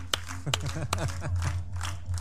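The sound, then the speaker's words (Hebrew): Children give a few sharp hand claps for King Hezekiah during a story lesson about him and the Assyrians, ringing out over a steady low hum, with children's voices chattering. “חיות כפיים לחזקיהו.”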